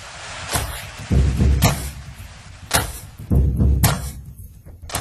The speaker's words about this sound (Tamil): இதோ கதவு தட்டுற சவுண்டோடயே வரீங்களே. அதாவது இதெல்லாம் எஃபெக்ட், சினிமான்னு சொன்னீங்கல்ல, அதுல நிறைய எஃபெக்ட் இருக்கும் பாத்தீங்களா? ஆமா, அது இது ஒரு எஃபெக்ட், அவ்வளவுதான்.